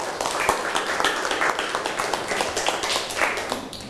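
Students in a classroom clapping together for classmates after a group presentation, a dense, steady patter of many hands continuing evenly for several seconds with no talking.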